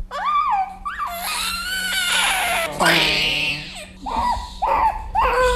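An infant cries loudly right after a nurse gives its first vaccination, a hexavalent vaccine injection, in a series of wailing bursts, with shrill rising and falling cries separated by short catches of breath.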